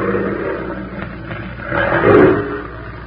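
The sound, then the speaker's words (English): A female big wild cat roars in a deep, rumbling growl that swells louder toward the end, a rough low-pitched snarl with no voices over it. “Keep the safety on that rifle, Benson. We're taking that cat alive.”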